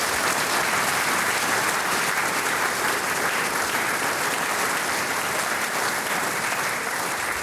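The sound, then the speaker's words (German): A steady burst of audience applause at a flower festival held for the 64th time, dense and even, with many hands clapping at once for several seconds and no voices standing out. “Also das ist, glaube ich, ein Applaus wert.”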